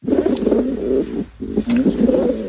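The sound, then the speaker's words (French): Several pigeons coo in a street in a steady, overlapping murmur of low throaty calls, with a brief lull midway before the cooing resumes, no voices present. “Parce que vous étiez en train d'observer les pigeons.”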